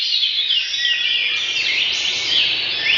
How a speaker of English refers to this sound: It's the first time that researchers have found that birdsong can decrease feelings of paranoia. While they're still working on understanding why, it's possible that hearing birds singing makes people feel like they're in a safe environment,